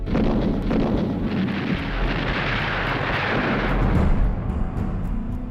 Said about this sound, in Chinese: 然而在上海美专当老师还不到2年，蒋兆和平静的校园生活就被日军的枪炮声打破。